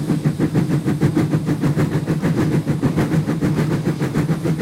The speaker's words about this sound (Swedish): Jag tog med några ljudburkar så ni får höra. Så här låter ett gammaldags tuff-tuff-tåg.